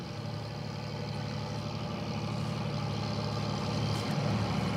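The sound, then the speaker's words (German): A fishing boat engine runs steadily, a low throbbing drone with a constant mechanical hum and no voices, rising slightly toward the end, as one of about a dozen boats heads out at night to haul in squid nets fixed near the coast. “Ein knappes Dutzend Boote fährt aus, um die Netze, die nahe der Küste fixiert sind, einzuholen.”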